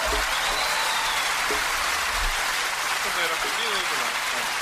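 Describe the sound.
Dense, steady audience applause fills the whole stretch, a continuous crackle of many hands clapping at even loudness, with faint voices murmuring underneath.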